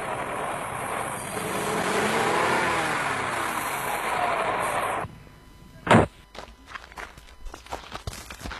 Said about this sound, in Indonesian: Laju kendaraan kami agak melambat ketika berpapasan dengan mobil angkutan umum yang mengangkut anak sekolah yang menuju ke arah kota Gorontalo karena jalannya tidak terlalu lebar.